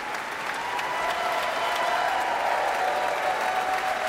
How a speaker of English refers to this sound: A cheer for the strings, especially featured in the concerto's second movement. There have been plenty of cheers for the wind soloists as well.